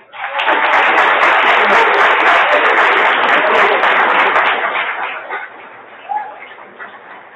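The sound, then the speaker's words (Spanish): An audience at a traveling radio broadcast from Preparatoria Número 1 bursts into loud, dense applause that holds steady for about four seconds, then thins out and fades, with a few scattered claps lingering at the end. “Así es que vamos a darnos un fuerte aplauso y con esto comenzamos.”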